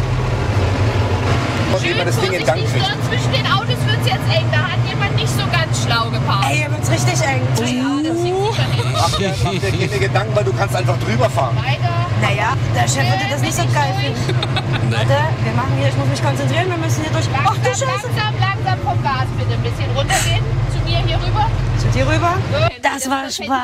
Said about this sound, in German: jetzt geht's rauf auf den Traktor. Der wird von der kleinsten Frau am Platz jetzt gefahren,